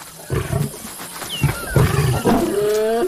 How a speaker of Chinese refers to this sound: 安斯听到了宣战的狮吼声，他引发了一场冲突，这场冲突可能会给他原本的狮群带来严重的后果。